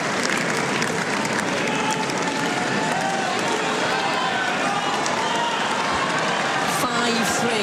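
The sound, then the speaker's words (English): A big stadium crowd around centre court at a tennis match roars and applauds continuously as Linda Noskova gets the opportunity to serve out the match, a dense, loud wash of cheering and clapping that fills the whole space without letting up. “A loud cheer ringing around centre court.”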